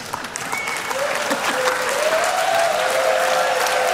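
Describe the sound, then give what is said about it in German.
A large audience applauds continuously, the clapping dense and steady, with a few faint whistles or cheers rising above the broad wash of sound. “Ja, das ist euer Applaus.”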